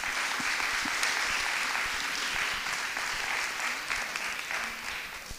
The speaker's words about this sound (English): Please join us in a warm round of applause for the Hill House Association.